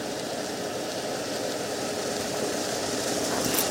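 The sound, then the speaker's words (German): A van engine rumbles steadily, a broad mechanical drone that swells slightly toward the end as the vehicle, headlights on, draws up and stops beside large crates by a big hall. No voices. “Der Transporter hält direkt neben den Kisten.”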